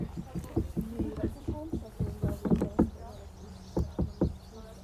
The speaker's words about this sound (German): Hä, die klatschen ja an den Stein. Die haben geklopft. Wer klopft hat? Die Leute haben an den Löwenstein geklopft.